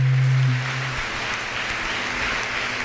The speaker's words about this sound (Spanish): Amén. Un aplauso a la Virgen María.